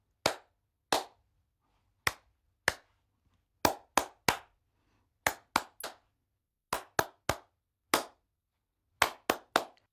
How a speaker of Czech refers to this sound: Jo, jasně, protože každá písnička má svůj rytmus. A my si ho budeme zkoušet tleskáním. Já zatleskám a ty to zkusíš zopakovat.